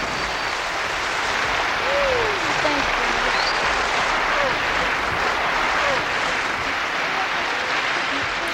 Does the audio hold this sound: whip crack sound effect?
no